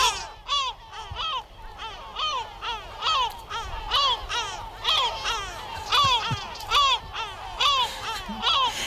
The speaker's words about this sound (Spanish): Es la gaviota patiamarilla.